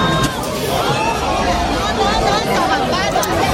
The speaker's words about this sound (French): Dès 8h à l'ouverture, la foule qui déborde sur la chaussée se précipite et enfonce littéralement les portes vitrées qui terminent au sol.